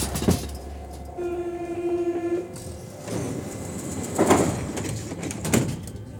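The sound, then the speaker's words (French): Inside a crowded Paris metro carriage: steady rumble with a brief rising electric whine, then sliding doors thud and rattle twice. No voices can be picked out. “Le métro est bondé et les visages moroses.”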